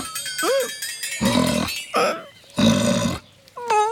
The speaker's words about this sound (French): regarde le gros cochon. Il a dû sentir l'odeur de la carotte.